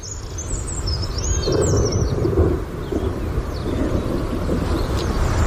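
A red-backed shrike gives a run of high, scratchy chirps and warbles over a steady roar of rain and wind, with low rumbling from a storm throughout.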